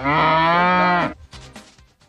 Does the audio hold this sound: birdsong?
no